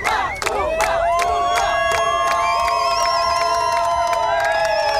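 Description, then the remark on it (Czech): Loud, sustained cheering and shouting from Czech national canoe slalom teammates, voices rising and overlapping with long whoops and called-out names of Czech athletes, at the world championships in Oklahoma, USA, in July heat, continuous throughout with no pause. “Příležitostí vyvolávat jména českých hvězd měli jejich kamarádi z národního týmu víc než dost.”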